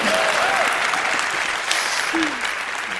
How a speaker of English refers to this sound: Also, I need to chew this popcorn, so if you guys could just clap your hands a little bit more.